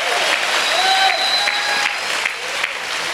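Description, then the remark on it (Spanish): A crowd at a religious gathering in Managua, Nicaragua, claps and shouts together to give glory to God in a dense, steady burst of applause, with a few high whistles or cries rising above the noise. “Pegue un buen grito, denle gloria a Dios, porque aquí está el Señor.”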